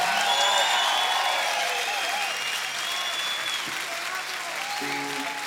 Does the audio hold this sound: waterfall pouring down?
no